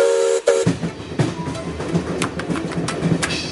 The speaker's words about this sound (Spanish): Además, los trenes llegan a las inmediaciones de la Vía Verde, hasta la estación de Monfragüe.